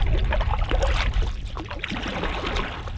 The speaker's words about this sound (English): On a beautiful, sunny morning in late spring, I find myself in the stern of a canoe, snaking through a river not 2 meters wide in parts.